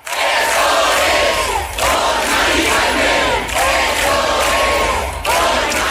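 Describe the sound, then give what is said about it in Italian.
A large crowd of thousands chants loudly in a steady rhythm in Puerto del Sol, Madrid, at a housing-rights protest commemorating a woman, with phrases repeating roughly every two seconds, the mass of voices rising and dipping together without pause. “Ieri sera in Puerto del Sol migliaia di cittadini si sono uniti agli acampados per commemorare la donna.”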